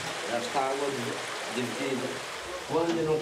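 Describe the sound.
Steady rushing of water flowing through the four openings of an irrigation channel after a man pulls out a metal plate to divide the water, a continuous broad wash of sound, with a man's voice speaking in short bursts over it.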